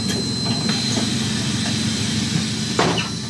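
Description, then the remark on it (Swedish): Steady low rumble inside a moving city bus, with a few rattles and clunks early on and a short hissing burst near the end. No one speaks. “som har stigit på bussen vid torget för att åka hem.”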